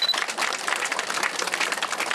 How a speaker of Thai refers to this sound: แต่ท่านคือสุดยอดชุมชนจริงขอเสียงปรบมือด้วย